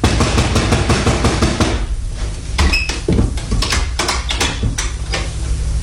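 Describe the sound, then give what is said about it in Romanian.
Insistent knocking on a door on a deserted street under a scorching sun: a rapid, loud burst of sharp raps for about two seconds, then slower, irregular knocks with short pauses between them. No one speaks. “Bate la ușa asta.”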